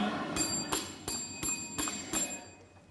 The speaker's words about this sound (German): Sie haben die Glocke geschlagen. Wo klemmte Ihnen der Zug?